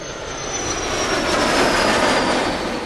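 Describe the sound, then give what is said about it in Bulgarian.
The engine of the KAAN, Turkey's domestic fifth-generation fighter jet, roars steadily throughout, a dense, rushing wall of noise with a thin high-pitched whine gliding slowly downward on top. It swells slightly in the middle, with no voices. “Отечественият изтребител от пето поколение Каан разкри новият си облик.”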